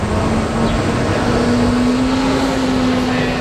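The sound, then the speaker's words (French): A steady wash of city traffic noise on René-Lévesque Boulevard in downtown Montreal, with a low engine hum rising slowly in pitch as a vehicle idles or pulls ahead, constant and fairly loud throughout. “sur le boulevard René-Lévesque, au centre-ville de Montréal, Daniel quête entre les voitures, un gobelet à la main”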